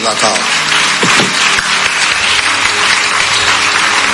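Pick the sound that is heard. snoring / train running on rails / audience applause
audience applause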